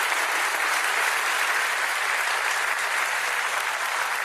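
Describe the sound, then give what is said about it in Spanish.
An audience applauds the Lord for his love and mercy, a steady, dense, even wash of many hands clapping at constant loudness throughout, with no voices rising above it. “Denle un aplauso al Señor por su amor y su misericordia.”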